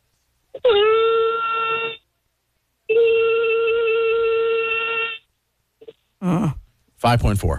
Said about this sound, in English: we're doing the longest vocal note possible. Here we go. 3, 2, 1, go.